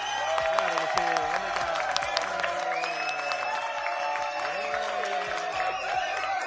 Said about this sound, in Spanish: Vaya ovación, esto parece un campo de fútbol.